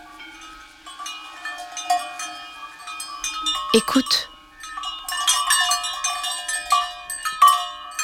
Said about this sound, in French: Ce sont les cloches attachées au cou des vaches. Chaque vache a sa cloche.